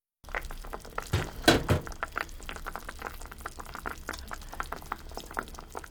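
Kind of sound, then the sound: food or drink, chicken broth simmering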